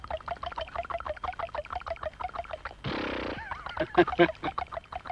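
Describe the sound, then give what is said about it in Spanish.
A man vocally imitates the horses of silent films: a quick run of rhythmic voiced clops, then a breathy snort and a high wavering whinny, loud and alone. “¿Cómo eran entonces los caballos que de pronto aparecían en las Sí. películas mudas y usted se largaba ahí siendo un chiquilín así a hacerlos en sonido?”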